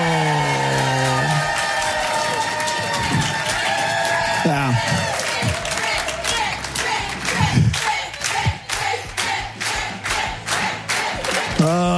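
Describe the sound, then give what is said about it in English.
A crowd cheers and whoops for about twelve seconds for the winner of a quiz, with rapid clapping growing sharper and louder toward the end and some shouted voices mixed into the steady din. “And also, thanks for cheering for me.”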